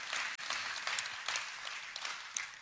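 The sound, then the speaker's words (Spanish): Steady applause from a church audience for a group from a business network led by Pastor Fernando, dense crackling claps sustained throughout with a brief dip near the start, fairly loud and without talking over it. “Un aplauso también para ellos.”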